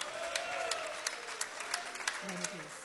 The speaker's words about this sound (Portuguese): Agora que você desocupou as suas mãos, palmas e glória a Deus. Glória a Deus com palmas.